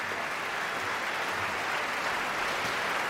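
Sustained, dense applause from a large opera audience at the curtain call of Nabucco, as the red curtain closes and all the performers come back onto the stage; a steady wash of many hands clapping at once with no break, fairly full.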